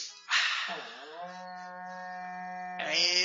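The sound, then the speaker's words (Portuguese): A berrante cattle-herding horn blows a long, steady, buzzing note that swells at the start and holds for a few seconds before a brief, loud final blast. “Toca o berrante para nós aí, irmão Zaqueu.”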